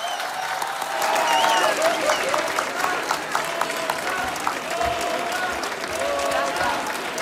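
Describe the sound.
Sustained audience applause in Cartagena for a musician after her songs, a dense steady wash of many hands clapping at full volume throughout, with scattered cheers and voices mixed into the crowd noise.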